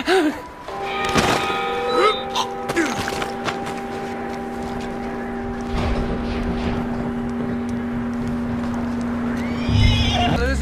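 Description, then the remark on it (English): A horse gives a loud whinny near the start, followed by scattered hoof clip-clops and snorts over a steady low drone, with another brief burst near the end. “I don't care, but bring that horse when you're done.”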